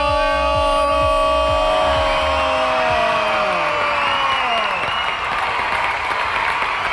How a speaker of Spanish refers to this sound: Aplauso para este audio. Señoras y señores, se lleva el audio de oro el día de hoy. El audio de oro.